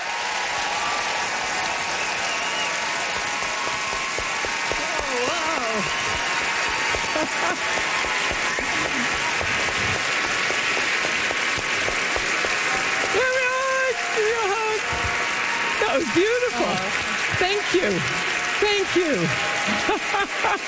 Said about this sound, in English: Great applause, rock applause, and that's all you get to see, folks.